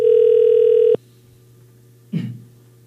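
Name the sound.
telephone ringback tone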